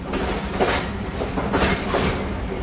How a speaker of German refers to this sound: Es ist Nacht. Ein Zug rattert in der Dunkelheit von Rom Richtung Norden. Angehängt ist auch der Präsidentenwaggon von Benito Mussolini, dem faschistischen Diktator Italiens.